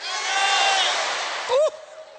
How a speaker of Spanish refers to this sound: A las tres quiero que todos griten su nombre con las manos en alto, porque tu nombre está escrito en los cielos. Todas las manos arriba, vamos a hablar. ¿Listos? Fuerte. Una, dos, tres.